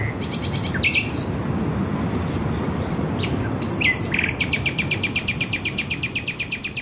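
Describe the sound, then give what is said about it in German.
A nightingale sings clearly in varied bursts of high whistles and chirps, ending in a fast, evenly pulsed run of repeated notes, over a steady low rumbling background. “zusammen mit einer Nachtigall.”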